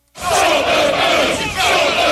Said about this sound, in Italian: Incappucciati vestiti di nero e al grido di stop the boats, fermate le barche.